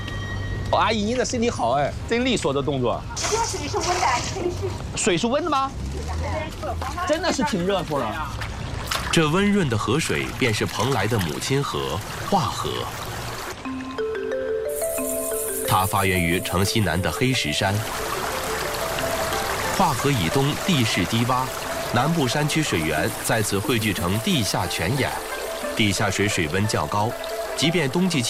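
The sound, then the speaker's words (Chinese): River water splashes and pours steadily and fairly loudly, with a broad rushing wash growing fuller in the second half. Voices talk over the water throughout. It is the warm Hua River (化河), the mother river of Penglai, Shandong, China, which flows through the town. “这温润的河水便是蓬莱的母亲河——化河。”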